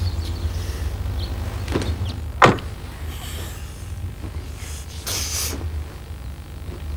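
Someone shifts and rustles while getting into a car parked in front of a house, then a car door shuts with one firm thud over a steady low rumble, followed by more faint movement.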